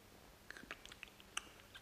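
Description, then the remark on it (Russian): Soft, wet lip smacking by an old man: a handful of small moist clicks and pops scattered irregularly over a couple of seconds, faint and with no talking. “Не шлепай губами, слышишь ты?”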